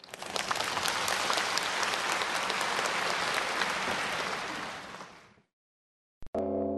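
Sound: warm audience applause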